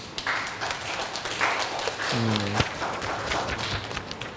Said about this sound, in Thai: กลุ่มนี้ก็ได้นำเสนอชิ้นงานเป็นที่เรียบร้อยแล้วนะครับปรบมือให้เพื่อนหน่อยครับ